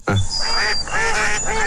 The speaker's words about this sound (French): Les canards dans un enclos rond, ils diraient quoi ? Ah oui. Ah, attendez, on va remettre les canards, mais dans un enclos carré.